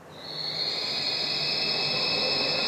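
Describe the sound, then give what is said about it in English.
A pigeon scaring device at Alcobaça plays a predator call meant to scare birds away: a single long, shrill, piercing tone that swells in quickly and holds steady and loud for nearly three seconds over a hissy background. “It's a pigeon scaring device, a collection of predatory sounds that scares the birds away.”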